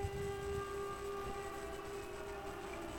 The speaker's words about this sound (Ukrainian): Увага, повітряна тривога в Івано-Франківському районі.